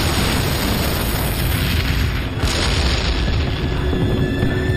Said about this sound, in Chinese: 我们趁苏军不备溜出坦克，偷偷摸到苏军的坦克边上，将炸药包安在两辆 T-34 坦克上，然后赶紧离开躲起来。爆炸声响彻夜空